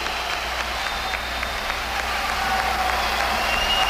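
Sustained crowd applause fills the whole stretch, a dense, steady wash of many hands clapping at an even loudness with no voices standing out.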